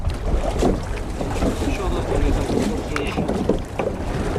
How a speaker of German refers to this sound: seine Kollegen stoßen sich vom Steg ab und gleiten übers Wasser.